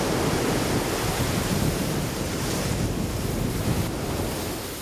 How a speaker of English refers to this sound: Waves are pounding the shore in Long Beach, California, in the wake of Tropical Storm Rachel.